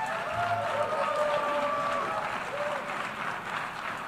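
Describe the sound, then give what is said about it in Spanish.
Thin, scattered applause from the few attendees at the United Nations General Assembly after a speech, a steady patter of clapping hands with a faint murmur and a few brief tonal sounds underneath. “Aplaudido por los pocos asistentes en esa Asamblea General de Naciones Unidas.”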